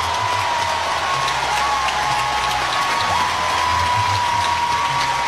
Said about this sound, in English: This crowd is fired up. You look out, and as far as you can see, you just see OU being chanted out. Sooner faithful, y'all are up on your feet. I love it.